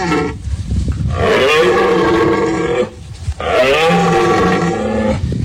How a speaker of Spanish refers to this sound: Es el sonido de la berrea del ciervo que estalla en su fase final en la Sierra de los Filabres. La población de estos animales se sitúa entre los 1.500 y los 2.000 ejemplares, según la Junta de Andalucía. Este año este sonido se ha escuchado tarde.